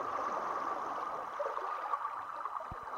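Steady rush of river water on the Spree River in Berlin, by Insula, a floating arts platform, lapping and gurgling continuously, with a couple of soft, low knocks near the end and no voices.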